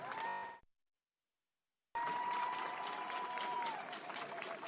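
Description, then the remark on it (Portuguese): A crowd at a school sports games festival in Quelimane, Zambézia province, bursts into loud, dense applause for the athletes, with a steady tone ringing above it, breaks off into a sudden silence, then the clapping and crowd noise return just as loud. “Palmas para vocês!”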